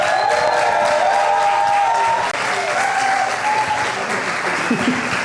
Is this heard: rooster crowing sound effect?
no